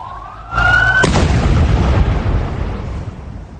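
A siren wails briefly before a sudden, powerful blast cuts in as two explosive devices detonate near a hotel in Damascus, Syria, followed by a loud, rumbling roar that slowly fades over a few seconds. No one speaks.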